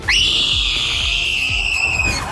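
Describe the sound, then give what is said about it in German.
A single long, shrill human scream from a TV show, a scream that led to a win, swoops up sharply, holds a steady piercing pitch for about two seconds, then trails off, with low rhythmic thumping underneath. “Aber dieser Schrei hier hat wohl zum Sieg geführt.”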